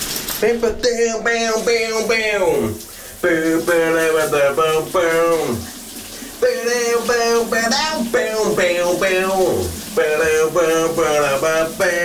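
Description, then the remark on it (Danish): A person sings a big summer hit song loudly and continuously in phrases, with brief pauses, in the shower in the morning, over a steady background hiss of running shower water. “Uanset om du befinder dig i Randers, Glamsbjerg på Fyn, Sønderborg, Esbjerg, Kolding, Vejle, Horsens, hvor end du er, ja, så er der ikke noget, der stopper, at dagens brusebadshit vil ud af dine højtalere.”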